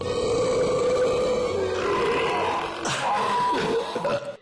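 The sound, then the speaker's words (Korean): A long, loud burp rumbles on for several seconds, rising and falling in pitch with a few gurgling bursts near the end; no one speaks. “탄산음 물을 마시면 탄산가스 때문에 트림을 더 많이 자주 하게 되는 거야.”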